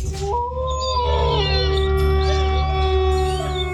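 A single drawn-out wolf howl in a radio station jingle rises and glides through several pitches for a few seconds, loud, layered over a steady low droning backdrop.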